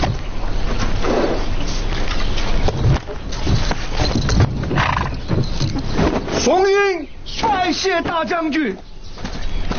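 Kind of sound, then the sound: animal, horse-drawn carriage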